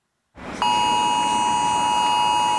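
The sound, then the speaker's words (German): A smartphone emergency alert tone blares during a nationwide Warning Day trial alert, one loud, steady, unbroken electronic tone held for a couple of seconds after a burst of noise, with no one speaking. “Das heißt, wenn Sie ein Smartphone haben, dann werden Sie vermutlich wieder diesen Alarmton hier hören.”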